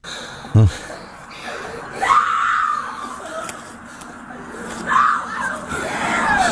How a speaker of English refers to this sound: I don't know who's screaming. Somebody get hit on the side? It's his girlfriend. It's the bad guy. Oh, she thinks that he's dead in there.